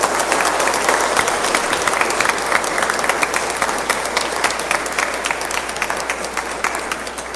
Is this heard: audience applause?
yes